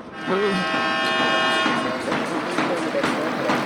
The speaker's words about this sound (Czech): A tak jste slyšeli závěrečnou sirénu, Liberec vede nad dánským Herningem v lize mistrů i po dvou třetinách 1-0.